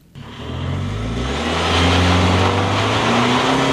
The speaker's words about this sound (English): The engine of our side-by-side roars to life, gravel spraying from beneath the tires. All around us, Center Creek Canyon in Daniel, Utah, is on fire. No, not literally. It's the aspens.